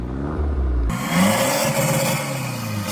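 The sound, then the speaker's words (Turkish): A car fitted with a remote-controlled exhaust revs loudly at full throttle during a police check for modified exhausts, a low rumble that suddenly bursts into a harsh, raspy roar as the exhaust opens, then holds at a high, throaty drone. “Araçta kumandalı egzoz mevcut.”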